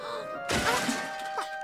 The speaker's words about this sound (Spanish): ¡Oye! ¿Dónde están nuestros baldes? ¡Se están cayendo! ¡Ay, no!